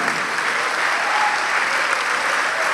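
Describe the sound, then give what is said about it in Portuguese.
An audience applauds steadily, a dense, even wash of clapping hands that holds at a constant loud level throughout with no pauses or voices standing out. “Ô glória, vamos aplaudir mais.”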